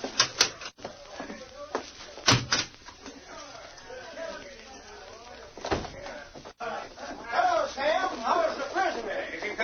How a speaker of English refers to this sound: I better get out of here and lock this cell door.